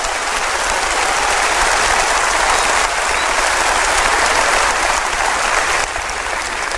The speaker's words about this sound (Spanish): Óigame, si usted va a dar ese aplauso, délo como se tiene que dar. Déselo al Señor.